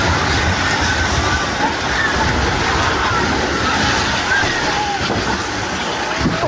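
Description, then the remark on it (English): A high-rise housing block collapses as people scramble, in a loud, continuous roar of rumbling and crashing debris that holds steady for several seconds, with indistinct voices mixed into the din. “It's disturbing to hear, but this first is of a high-rise housing block collapsing as people are scrambling.”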